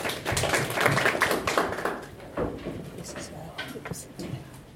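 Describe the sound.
An audience at an Aga Khan University Graduate School of Media and Communication event with the Kenya Editors Guild applauds a doctor introduced as speaker, many hands clapping in a dense patter that is loudest at the start and then thins and tapers off over a few seconds, with faint voices mixed in.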